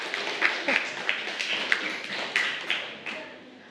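A group applauds with a dense, steady patter of clapping, some sharper individual claps popping out every half second or so, before the sound starts to thin out toward the end.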